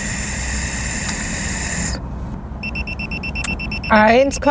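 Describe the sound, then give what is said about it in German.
A breathalyzer sounds its alarm after a man who has drunk one and a half Mass of beer blows into it: a steady high electronic tone, then a run of rapid repeated beeps over a noisy crowd, with a brief voice exclaiming at the end. “Der schlägt hier wieder Alarm.”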